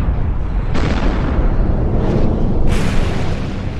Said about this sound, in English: This is a volcano in the country of Indonesia called Mount Tambora. More than 200 years ago, in 1815, Mount Tambora erupted.